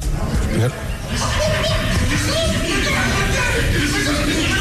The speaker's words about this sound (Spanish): señores, estamos aquí transmitiendo en vivo y hay unos vatos ahí hablando, gritando, ¿eh? Vamos a hacerles la competencia. Escuchen, escúchenlos, escuchen.